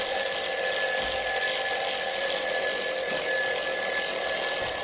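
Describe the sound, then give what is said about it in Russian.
An alarm clock rings continuously with a bright, shrill metallic tone, loud, sustained steadily for the full duration with no pauses and no voices. “Внезапно голоса молящихся людей стихли, и среди наступившей тишины резко раздался знакомый звон будильника.”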